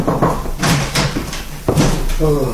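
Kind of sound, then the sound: household object, knocking on a door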